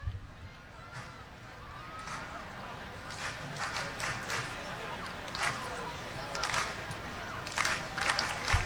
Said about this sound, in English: Great crowd here on this Saturday night downtown.